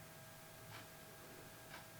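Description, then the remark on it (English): A quiet clock ticks twice, one second apart, soft clicks over a faint hiss of room noise in an otherwise still space. “Have a little listen to the tick of the clock, isn't that nice?”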